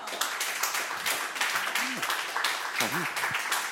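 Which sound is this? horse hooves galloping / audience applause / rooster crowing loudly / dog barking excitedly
audience applause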